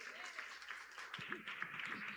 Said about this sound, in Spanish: Un aplauso a Dios.